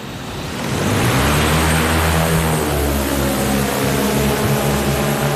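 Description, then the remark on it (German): A black, roughly knee-high eight-propeller drone with a case attached spins up on an asphalt pad in Amsteg, Switzerland, from quiet into a loud, steady buzzing whir with tonal hum, holding strong as it lifts off on a test flight. No voices. “Dann beginnt die Drohne zu surren.”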